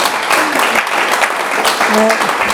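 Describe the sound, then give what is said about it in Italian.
A crowd applauds steadily, a dense wash of clapping that stays loud throughout, with a few voices and brief tonal calls rising over it. “Un applauso”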